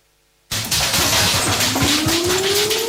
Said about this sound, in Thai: เสียงสั่นสะเทือนแบบนี้อย่าเพิ่งตกใจหมอบลงทันทีบังศีรษะไว้และเกาะขาโต๊ะให้แน่น